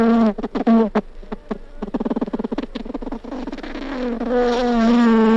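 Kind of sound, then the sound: insect, bee buzzing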